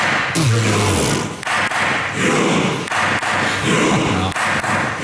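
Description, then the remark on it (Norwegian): Masud Gharahkhani, president of the Storting, the Norwegian parliament, bangs a gavel down on the desk several times, roughly every second and a half, over a loud, steady wash of crowd noise, with a voice calling out near the start. “Sto med klubba og deisa I pulten. Første slaget kommer.”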